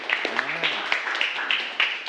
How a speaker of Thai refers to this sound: ขอเสียงปรบมือให้กับกลุ่มที่4นะครับ